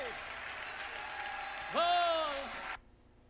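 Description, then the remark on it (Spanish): An audience claps hands in praise in a steady, dense burst of applause, with a single voice calling out loudly over it near the end before the clapping stops abruptly. “Si eres libre, dale palmas y alábale.”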